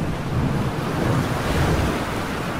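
A steady, loud roar of rough sea waves surging against a boat's hull, mixed with gusting wind noise, continuous throughout with no voices.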